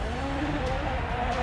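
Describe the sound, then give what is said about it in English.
Gregoire Munster's rally car crabs sideways on gravel on a fast, narrow rally stage, its engine droning loud and steady with a rough, grinding wash of tyre and stone noise and a muffled voice underneath. “That car is crabbing enormously for Gregoire Munster.”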